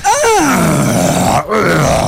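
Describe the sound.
A voice imitates the long, strained groan a man in his forties makes when standing up, with a brief break before a second, shorter groaning push. Loud, low and gravelly throughout.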